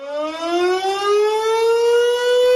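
An air raid siren wails loud and steady, its tone slowly rising in pitch over a couple of seconds, with no voices present.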